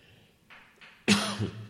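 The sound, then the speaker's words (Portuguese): A single loud, harsh cough from a man preaching a sermon bursts out after a couple of soft breathy sounds, with no talking during it. “Desculpa a tosse.”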